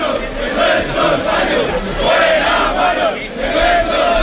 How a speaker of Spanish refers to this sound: Mucho grito también ha habido en favor de la higiene, fuera guarros de nuestros barrios.